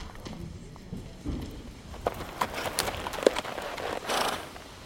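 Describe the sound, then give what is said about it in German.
A horse's hooves clip-clop in an uneven, unhurried rhythm on a moor as its rider dismounts and lets it walk, a handful of sharp knocks rising over a soft, rustling background. “steigt vom Pferd und lässt es laufen.”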